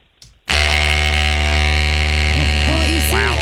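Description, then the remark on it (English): An Oral-B electric toothbrush, held up to a microphone rather than used in a mouth, switches on after a brief click and buzzes loudly and steadily, a dense, even hum with a slight warbling wobble in pitch toward the end. “It is an electric toothbrush. No, Oral-B electric toothbrush, the same one that I've been using for the last 5 years.”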